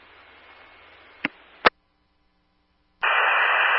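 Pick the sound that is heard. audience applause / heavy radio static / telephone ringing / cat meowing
heavy radio static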